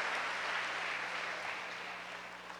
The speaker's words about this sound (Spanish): Denle un aplauso a ese primer hijo.